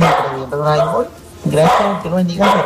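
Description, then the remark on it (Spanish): A dog barks in the background in a few drawn-out, fairly loud bursts with short pauses between them, rather tonal, almost howl-like. “Con el ladrido del perro y todo de fondo.”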